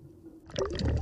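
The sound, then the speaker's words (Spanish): After a brief quiet moment, seawater is poured into a sample bottle, with a steady gurgling, splashing fill that grows fuller and louder toward the end. The ocean water is being sampled for later analysis in a laboratory. No one speaks. “Lucy toma muestras de agua que luego analizará en el laboratorio.”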